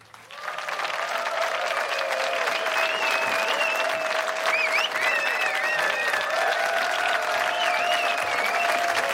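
Sustained audience applause, a dense steady wash of clapping that swells in quickly and holds at a fairly loud, even level throughout, with a few whistles and faint cheers rising above it.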